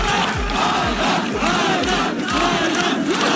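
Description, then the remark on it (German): A loud crowd in Santa Monica cheers and shouts continuously for a runner completing a 600-kilometre run, with rhythmic thumping beats roughly every half second underneath, like clapping or drumming keeping time. “Angefeuert da vor Ort in Santa Monica.”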